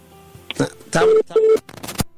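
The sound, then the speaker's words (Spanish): Two short, steady telephone beeps from a dropped call line sound in quick succession, mixed with muffled noisy bursts that may be faint voices in the background. “Estamos con el teléfono y que se nos corta la llamada, de verdad.”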